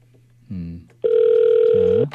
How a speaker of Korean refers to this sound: 자, 일단은 이제 우리 권사님에게 전화를 먼저 걸고 근데 권사님이 전화를 안 받으시네. 왜 이러시지? 이러면 안 되는데 아쉽네요.